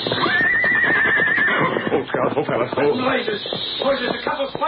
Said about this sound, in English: Hold, Scout. Hold, fellas. Hold. Horses. Horses.